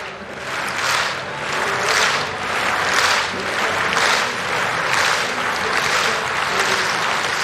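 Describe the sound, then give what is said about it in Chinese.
A large stadium crowd claps in unison as athlete Davis-Woodhall asks the spectators to slow the clapping rhythm before a final jump. Loud rhythmic bursts repeat roughly every 0.65 seconds over a steady wash of crowd noise, with no clear speech. “刚才戴维斯伍德豪尔他的最后一次跳，这次出跳的表现如何，他在让现场观众们的这个掌声节奏呢稍微变慢一点。”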